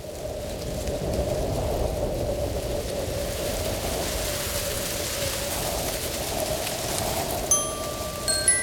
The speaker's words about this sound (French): Tout doux, mon doudou, tend ses deux petites oreilles. Il écoute le vent dans les arbres.